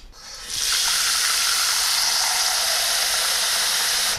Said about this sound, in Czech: Čili já dám teďko do hrnce trochu vody.